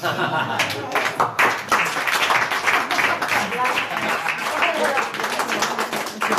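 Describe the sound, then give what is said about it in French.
An audience applauds steadily for several seconds for a performer's very last segment, a dense wash of many hands clapping at once, loud, with a faint murmur of voices mixed into the crowd noise. “Et on applaudit la toute dernière de Philippe Battaglia dans les Decodeurs.”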